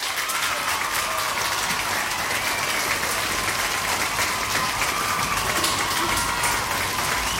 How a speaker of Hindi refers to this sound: तो सबने बिल्कुल सही जवाब दिया है भाई, तो यहाँ पे बजेगी आपके लिए तालियां।